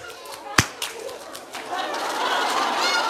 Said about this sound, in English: I'm going to give you a clap. You are so good. Wait, wait. Ready for a clap?